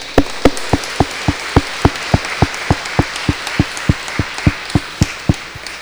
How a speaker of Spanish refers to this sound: Un fuerte aplauso.